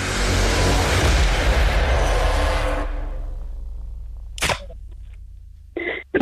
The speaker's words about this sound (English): Oh, the car's going past.